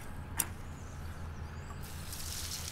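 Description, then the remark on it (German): Water is poured into a line drawn in garden soil for a winter bed: a soft, steady hiss after a brief click, growing brighter toward the end over a low outdoor rumble. No one speaks. “Ich mache eine Linie. Ich mache mal Wasser rein.”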